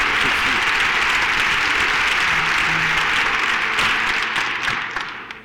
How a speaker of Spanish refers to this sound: Aplausos para todos los oyentes que están comunicándose y están también llamando a la emisora. Gracias. Muchísimas gracias. Ahí están los aplausos.